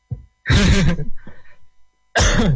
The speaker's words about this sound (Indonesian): Aduh batuk. Ah gak masalah, dari tadi ya?